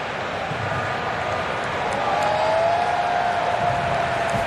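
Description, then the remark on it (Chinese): A stadium crowd of football fans cheers and applauds Balogun as he is substituted off during a match, in a steady, dense roar that swells slightly midway, with a faint sustained tone gliding through the latter half. No one speaks. “这个时候把巴洛贡换下，也是让他可以去单独享受一下全场球迷为他带来的欢呼声。”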